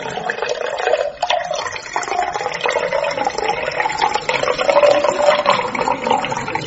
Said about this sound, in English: I can only have just the one. I'm only pouring you one here, guys.